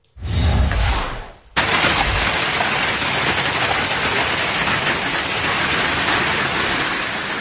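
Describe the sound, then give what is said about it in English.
Hail pelts down hard and fast in a dense, loud clatter just outside Baton Rouge, Louisiana, as strong storms and heavy rain push through, briefly dipping after a second before surging back and pounding on steadily without letup. “This out of Louisiana, yeah, that hail coming down fast and furious.”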